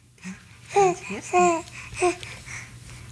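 A baby sitting on a woman's lap in a living room full of toys in western Norway babbles in three short bursts of high, sing-song syllables, fairly clear, with a low steady hum in the background and no adult talking.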